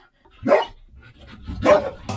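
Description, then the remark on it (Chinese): A search-and-rescue dog named Jifeng, lying down at the mouth of a hole, barks loudly to signal it has found its target, two sharp barks about a second apart, with the start of a third at the very end; no one speaks. “搜救犬在洞口趴下并且吠叫，表示他找到目标了。”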